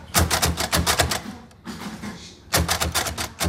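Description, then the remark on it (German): Rapid, clattering mechanical keystrokes from a braille typewriter, fairly loud, with a brief pause in the middle before the quick striking resumes. “Wie sie die Geschichte der Breischrift lernen und die Arbeit mit dem Breiler, der zugehörigen Schreibmaschine.”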